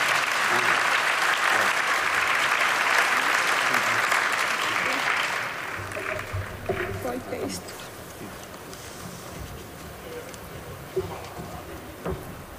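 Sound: audience applause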